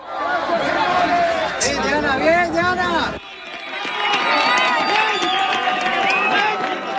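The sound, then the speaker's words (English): A crowd cheers and shouts excitedly outdoors as a woman is pulled alive from earthquake rubble in Colombia, many voices overlapping in a loud, sustained burst of celebration with clapping and whoops, continuing at full volume throughout. “when you hear that cheering, that joy, does that take you back to those moments when you managed to pull those seven out?”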